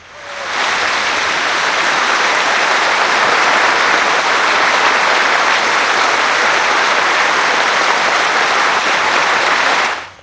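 Middlesbrough fans at a football stadium hold a minute's applause in tribute to two police officers killed in a head-on collision: a steady, dense wash of clapping that fades in, holds at a loud, even level for several seconds, then cuts off, with no voices rising above it.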